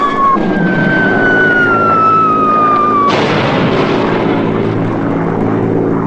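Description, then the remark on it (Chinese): A loud propeller airplane drones continuously overhead, its whining engine tone sliding lower as it passes, then abruptly turning into a harsher, rougher roar that continues to the end. “怎么就看不见咱们的飞机了？”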